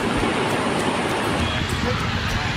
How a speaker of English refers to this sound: This is the first rainfall that this bridge was observing, and so far it is constructed on the famous Tons River, which is flowing in spate.